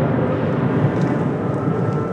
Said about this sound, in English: And that was a Russian drone strike not too far away. I recorded that on my phone. These jet-powered drones move very fast. It's hard for Ukraine's air defenses to shoot them down.